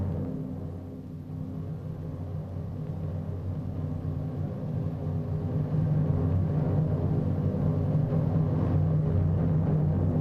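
The engine of a Chevrolet stunt car, also used for a rollover stunt, rumbles steadily and low throughout as it is driven in a stunt show, growing slightly louder partway through, with a dense, unbroken drone and no voices.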